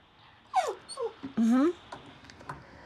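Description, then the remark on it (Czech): Dogs whine in a few short, high, wavering cries, one rising into a longer, louder whimper, with faint background noise between them. “A možná tady slyšíte, že to je líto i pejskům. Támhle kňučí, že se nedovolal.”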